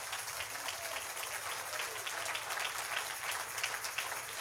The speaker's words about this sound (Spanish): Si ese aplauso para el Señor, déselo más fuerte, hombre.